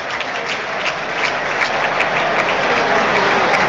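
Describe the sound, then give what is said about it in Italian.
A football crowd in the stadium stand applauds steadily as player Felici is substituted, a dense, continuous wash of clapping with scattered sharper claps standing out, fairly loud and with no voices on top. “mentre la tribuna applaude Felici, uno schiaffetto, un buffetto da parte di Pisacane.”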